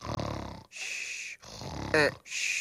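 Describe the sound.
A voice imitates snoring: rough, throaty rasps alternate with breathy, hissing exhales over several cycles, with a brief squeaky rise near the end.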